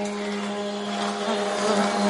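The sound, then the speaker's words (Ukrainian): A Shahed drone's engine whines overhead in Ukraine near the border with Belarus, a steady, buzzing drone with a strong low hum and layered harmonic tones, holding even and swelling slightly louder toward the end. “Петро каже, чи не щодня чують зищання шахедів.”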